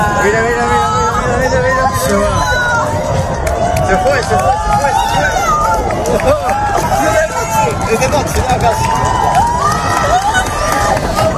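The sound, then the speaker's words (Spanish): A large crowd at the Tower of Hercules in La Coruña shouts and cheers at an astronomical spectacle, a dense babble of many voices with rising excited whoops and calls layered throughout, loud and sustained without pause. “Escuchábamos los gritos de la gente en la Torre de Hércules, en La Coruña, pero esa escena podría valer para casi todos aquellos”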